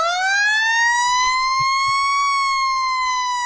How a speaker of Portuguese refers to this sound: Ora bem, o jogo era cedo e, portanto, tocou a sirene dos bombeiros. Mas não é porque havia um fogo, é porque era meio-dia.